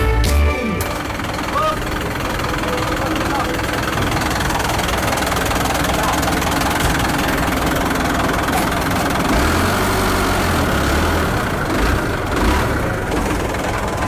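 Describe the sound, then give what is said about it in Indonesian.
A medium truck's diesel engine rumbles steadily for the whole stretch as it leaves Senghi port, a cargo loading port on the bank of the Kapuas River in West Kalimantan. Its low drone shifts pitch briefly midway as it pulls off, with busy outdoor background noise. “Satu unit truk ukuran sedang baru saja keluar meninggalkan pelabuhan Senghi, pelabuhan bongkar muat barang yang berada di tepi Sungai Kapuas, sungai terpanjang di Provinsi Kalimantan Barat.”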